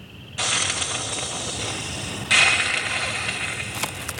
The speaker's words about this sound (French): On dirait qu'elle crache et qu'elle siffle. Nous sommes aux États-Unis, dans une plaine de l'État de Virginie, parsemée de ranchs et de bosquets. Ces cris sont donc certainement les feulements d'un opossum.